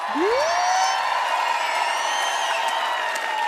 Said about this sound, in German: Und kann ich eben so großen Applaus haben für Raphael Kunz und für Kilian Brocci am Licht?